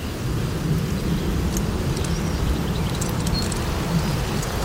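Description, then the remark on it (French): Steady bise wind roars through the leaves of a natural windbreak hedge sheltering vegetable gardens, a deep continuous rumble topped by faint, crackly rustling of leaves rubbing together, with no voices throughout. “C'est les frottements des feuilles entre elles avec le vent.”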